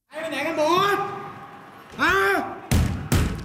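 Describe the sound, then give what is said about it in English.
A Thai police officer posing as a gunman shouts loudly in bursts, followed by two sharp, heavy bangs on a classroom door, echoing slightly, during an active shooter drill at a school in Bangkok, Thailand, as students hide under desks. “A Thai police officer posing as a gunman shouts and bangs on doors as students hide under desks in locked classrooms.”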